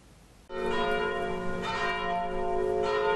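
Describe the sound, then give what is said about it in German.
Church bells ring out loudly after a brief quiet moment, their rich overlapping tones sustained and layered, with fresh strikes swelling in every second or so, full, during the unveiling of two historic gravestones from Hohnstedt on 29 August. “Unter Glockengeläut wurden sie am 29. August enthüllt.”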